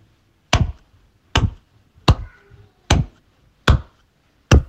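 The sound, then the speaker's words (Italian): Six sharp, crisp hand claps, given as a demonstration of a pace of 66 beats per minute, ring out alone at a steady, unhurried pace. Each is a short bright smack with a quick decay, with no talking in between. “Fammi sentire tipo con un applauso.”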